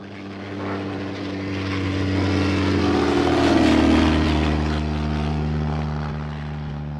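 A propeller plane's engine drones steadily with strong low harmonic tones, swelling louder as it passes by mid-clip, then easing slightly, at Purkshof airfield near Mönchhagen; no one speaks.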